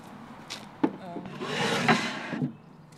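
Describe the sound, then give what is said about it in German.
A wooden knock, then a wooden crossboard serving as a drawer scrapes and rubs as it slides into place for about a second, ending with a soft bump. Faint voices murmur underneath. “Ein Querbrett als Schublade fehlt noch.”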